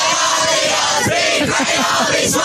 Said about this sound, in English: That's the 14-year-old boys at Shell Harbour celebrating a recent win.